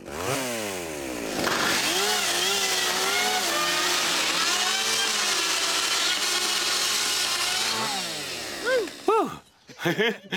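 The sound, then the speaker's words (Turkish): A chainsaw, turned to cut with the back side of its chain, revs up and grinds steadily through thin metal roofing sheet, a loud, harsh whine with rising and falling pitch for several seconds, then winds down with a few metallic clatters at the end. “Eğer bu şekilde döndürürsek, yani zincirin arka tarafını kullanırsak, bu metali kesebiliriz.”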